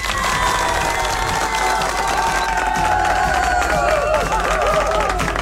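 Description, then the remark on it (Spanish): A crowd applauds and cheers loudly and steadily, with dense clapping under high excited shouts and whistling voices that rise and waver throughout. “¡Un fuerte aplauso!”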